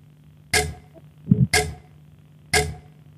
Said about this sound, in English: Time is ticking, baby.